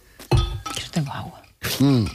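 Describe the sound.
Glass clinks a few times as drinking water is served during a hydration pause on a radio broadcast, short bright taps with people's voices and murmurs mixed in around them.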